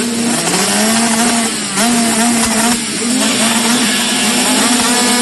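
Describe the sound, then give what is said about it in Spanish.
Loud motorcycle engines roar and rev continuously, the pitch rising and falling with each throttle twist, no voices present; enduro cross motorcycles of the Entre Ríos championship at the La Tijereta MX circuit in Nogoyá. “Este 11 y 12 de julio vuelve el rugir de los motores a Nogoyá.”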